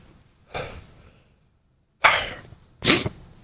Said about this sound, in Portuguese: De novo, quase espirrava e não espirrei.